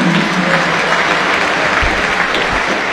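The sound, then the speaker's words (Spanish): Scattered, lukewarm applause ripples through a large stadium crowd for football player Fausto Vera as his name and number 15 are announced, a steady wash of clapping with no cheering or voices rising above it. “Tímidos aplausos para Vera.”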